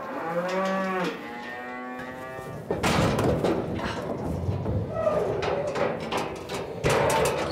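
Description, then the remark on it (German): A cow in a barn, the lowest-ranking in its herd, lets out a long, low, wavering moo lasting a couple of seconds, followed by a stretch of loud clattering, thumping and shuffling noises. “Und das hier, diese Kuh, ist die rangniedrigste in unserer Herde.”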